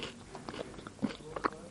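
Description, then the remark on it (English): Crunchy biting and chewing of a strawberry and white chocolate cereal bar, a series of short moist crackles and soft clicks at an uneven pace, fairly quiet with no talking. “I'm sorry if you don't like chewing noises.”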